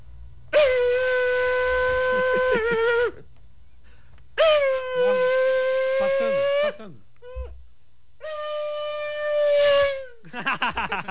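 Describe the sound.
A voice imitates a screaming early-2000s V10 Formula 1 engine in three long, high-pitched, buzzy wails, each holding steady then rising slightly, followed by a short burst of rapid stuttering pulses.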